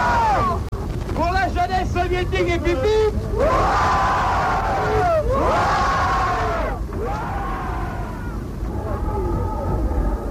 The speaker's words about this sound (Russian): Интересно, какой будет эта встреча? Слышите? Какие восторженные крики несутся с палубы Балтики.